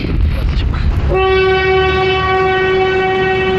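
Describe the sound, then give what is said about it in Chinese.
A train on the Qinghai-Tibet Railway rumbles along the tracks, then blasts a loud, sustained horn that holds steady to the end, with no voices. “2006年，青藏铁路全线开通，带来了外面世界的精彩，也连通了广阔的市场。”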